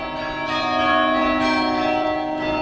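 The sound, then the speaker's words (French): Several bells of a restored carillon ring together in a dense, sustained wash of overlapping metallic tones, steady and fairly loud, with no voices. “Il a fallu notamment nettoyer des parements, remplacer des pierres altérées, enlever des joints en ciment, remplacer par un mortier de chaux ou de résine pour mieux résister aux agressions climatiques et également restaurer le carillon.”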